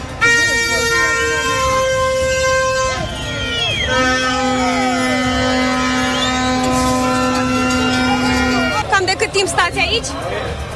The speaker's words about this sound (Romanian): Din cauza manifestanților care refuzau să plece din mijlocul străzii, s-au format coloane mari de mașini. A fost paralizată circulația inclusiv în pasajul Victoriei, inclusiv tramvaie au fost împiedicate să înainteze pe șine.